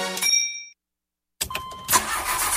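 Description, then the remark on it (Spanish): A short tonal sting fades into silence, then a car engine cranks and catches, rising into a loud, steady running rumble. “La jefa no se queda sin batería, porque siempre arranca cuando más lo necesitan.”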